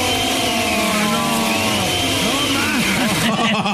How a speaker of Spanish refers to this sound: Todo este tiempo, chico, estuvo prendiendo la licuadora en otra casa. Prendiendo la maldita licuadora en un hotel.